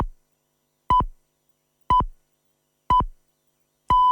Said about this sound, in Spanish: Señales horarias que indican que son las 7:30, las 6:30 en Canarias de este viernes.